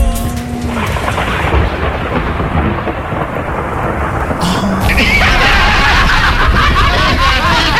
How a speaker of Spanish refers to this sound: ¿Llegaron los truenos? No, no sé.